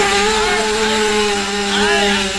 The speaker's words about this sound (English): I got my motorbike started.